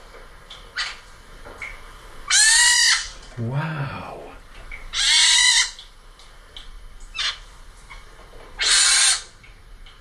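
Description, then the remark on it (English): Baby pine martens, a whole family living in an attic, call in three loud, shrill, high-pitched squealing bursts a few seconds apart, sounding a bit like kittens, recorded on a phone around mid-May, with a person briefly exclaiming between the first two. “Baby pine martens. She had a whole family in her attic.”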